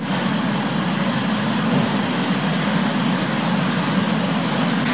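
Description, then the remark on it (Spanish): Hail and rain from a storm cell pour down in the municipality of Azoyú in the Costa Chica region in a loud, unbroken hiss. It is a dense wash of pattering noise that holds steady for the whole stretch with no voices. “Agua con granizo está cayendo, vean, con hielo.”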